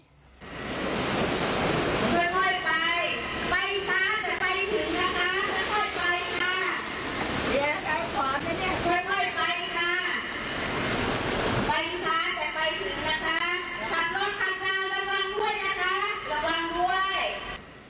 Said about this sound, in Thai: ส่วนที่จังหวัดนครสวรรค์น้ำท่วมก็ว่าหนักแล้วยังต้องเจอขับรถไม่ชะลอจนเกิดคลื่นน้ำมวลน้ำครับ